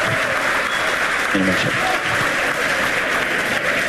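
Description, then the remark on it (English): A large crowd at Starbase applauds and cheers steadily as a SpaceX Super Heavy booster lands, a dense, loud wash of clapping with shouting voices mixed in that holds at full strength from start to finish. “I have a feeling the crowd's about to go wild here.”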